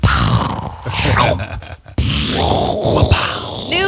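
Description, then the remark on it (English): A person vocally imitates a pirate cannon with a loud, gravelly groaning rumble, in two long sustained bursts split by a brief dip, with no words spoken. “That's hardly a pirate cannon.”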